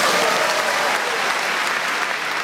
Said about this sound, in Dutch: Dames en heren, een warme applaus